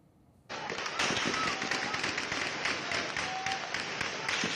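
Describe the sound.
Dense, rapid bursts of heavy gunfire crackle continuously after a brief quiet start, loud and chaotic with overlapping sharp reports, and faint voices in the background, at night in the town of Azaz, north of Aleppo, during an armed clash that followed a local quarrel.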